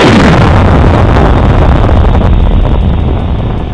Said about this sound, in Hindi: दिन था 2 सितंबर 2023, स्थान इसरो का सतीश धवन अंतरिक्ष केंद्र, समय भारतीय समय अनुसार ठीक 11:50, जब अंतरिक्ष यान आदित्य L1 की गगनभेदी गर्जना से आकाश गूंज उठा।